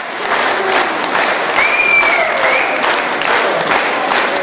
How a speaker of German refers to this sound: So war der Applaus am Ende riesig. Die Zuschauer erhoben sich sogar von den Plätzen und zeigten so ihre Begeisterung.